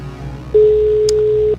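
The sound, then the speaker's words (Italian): A single telephone ringback tone, the second ring of a call to a listener, sounds as a steady low beep lasting about one second over a quiet line hiss, clear, with no one speaking. “Secondo squillo.”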